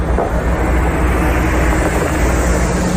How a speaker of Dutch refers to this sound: Rijdt een grote bus. AI Data Revolte staat daarop.